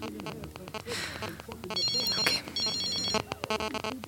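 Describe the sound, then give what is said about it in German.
A mobile phone ringtone plays from inside a handbag in an apartment as a bright, repeating electronic melody with sustained high tones, fairly loud, with faint background voices underneath. “Endlich hatte Heike ihr Handy gefunden. Sie schaute auf das Display. Unbekannter Teilnehmer.”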